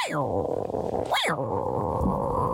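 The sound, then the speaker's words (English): A man's voice imitates a tiger's growl: a loud, rough rumbling snarl that falls, surges up briefly in the middle, then trails off into a sustained gravelly growl. “Had to give a good old tiger growl.”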